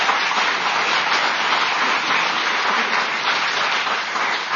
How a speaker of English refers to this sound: Give that guy a round of applause.